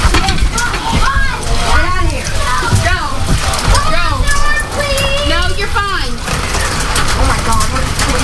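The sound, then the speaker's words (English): Dime-sized hail pours down in a steady, dense clatter that fills the whole scene, while excited voices talk loudly over the constant pattering. “Dime-sized hail. That's what it feels like.”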